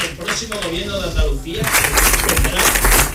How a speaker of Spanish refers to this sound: Le está costando, como decía, dar su discurso porque no sí. paran de interrumpirle los aplausos.